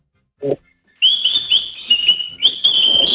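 A pet bird whistles in a sustained, high-pitched warble, its bright tone wavering and rising in brief surges after a short low thump at the start.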